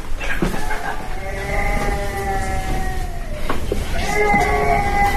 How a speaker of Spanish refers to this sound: Sí, está llorando, efectivamente. Llorando. Se ha despertado.